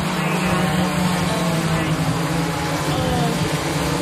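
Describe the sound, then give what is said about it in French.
An Amazon delivery drone buzzes steadily over a town near Dallas, a loud, continuous mechanical drone with a low humming tone and dense, whirring overtones that never let up. “Il n'empêche, le bruit exaspère les habitants de cette ville près de Dallas et nous aussi.”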